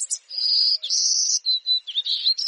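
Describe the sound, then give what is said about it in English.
A golden-cheeked warbler sings a high, buzzy song: several drawn-out, wheezy notes followed by shorter buzzes, clear and fairly loud with no voices over it. “Boldly dressed in yellow, black, and white, these little birds and their buzzy song take center stage in Texas Hill Country.”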